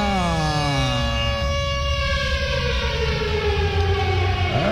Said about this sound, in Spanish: ¡Suéneme la sirena! Hágame el favor, Néstor DJ.